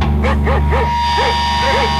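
A dog barks five times in quick succession, sharp and moderately loud, with a short pause before the last few, over a steady low mechanical hum.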